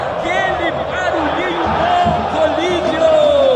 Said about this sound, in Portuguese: Meteu essa em Colídio, a torcida que canta mais alto, transforma São Januário num caldeirão.